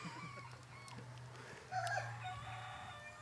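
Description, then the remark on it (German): A rooster crows, a loud, strained call that bursts out partway through, over a steady low hum and some softer clucking beforehand. “ich übergebe dir voller Liebe und Dankbarkeit diesen Hahn wieder.”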